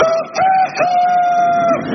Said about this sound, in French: Les poules de 2006 réclament l'égalité coq-poule dans les poulaillers. Elles cocoricotent quand elles produisent en masse et elles n'oublient pas la sororité entre gallinacées.